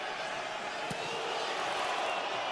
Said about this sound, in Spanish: La porra de New York City gritándole a Nahuel. Y quizás ustedes lo pueden escuchar.